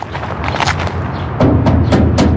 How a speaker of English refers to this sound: We knock on the heavy metal gate and enter a compound. High walls on all sides.